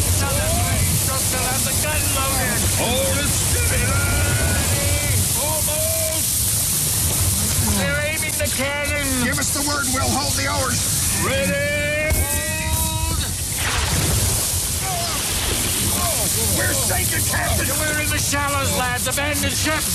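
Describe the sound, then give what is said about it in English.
Continuous rushing, sloshing waves surround a small rowing boat being rowed toward shore, loud throughout, with excited voices calling out over the churning waves. “Keep rowing. Don't stop now. Another 20 strokes and we'll be ashore. I'm pulling as fast as I can, but the waves.”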